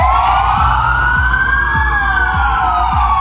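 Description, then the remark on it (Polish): A police car siren wails loudly, its tone slowly rising and falling, with a low rhythmic thumping pulsing steadily underneath and no voices. Police sirens sounded at noon across Poland as a tribute to a police sergeant from Lower Silesia who was shot and killed. “W południe w całej Polsce zawyły syreny policyjne.”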